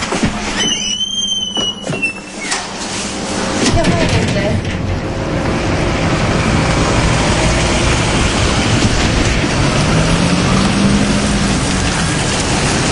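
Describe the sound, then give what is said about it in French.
A car driving down into an underground mine, descending to 500 metres below ground, its engine and road noise building into a loud, steady rumble, with a few brief high squeaks near the start. “Nous descendons à la mine en voiture. Nous rentrons dans la mine en voiture.”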